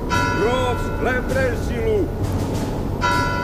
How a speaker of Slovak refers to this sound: Veľký zvon oznámil, že sprievod vyšiel z Tauru.